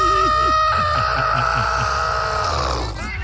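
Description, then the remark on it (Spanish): A voice imitates a hen being grabbed by the neck, letting out a sustained, high, harmonic squawk that holds steady for nearly three seconds before breaking off, with low rhythmic sounds pulsing underneath. “Le haces cure. Entonces le hago yo cure. Como cuando le agarran el pescuezo a la gallina.”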